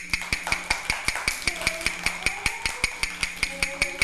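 Quick, evenly spaced knocks as a teacher taps out a fast rhythm for children, a steady fast beat about five per second, sharp and woody, with a faint tonal hum running underneath.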